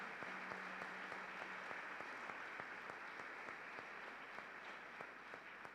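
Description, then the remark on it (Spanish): A crowd in a parish church applauds steadily to welcome visiting church groups, dense overlapping claps filling the space at moderate loudness for several seconds with no voices over it. “Un fuerte aplauso para todos ellos.”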